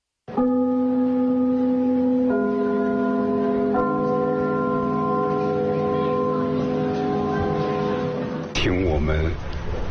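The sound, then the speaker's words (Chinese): A theatre's curtain-opening bell rings loud, struck three times with deep resonant tones that sustain and overlap; near the end the ringing gives way to a voice. “开幕的那个钟声， 嗯， 听着这都一种感情了。”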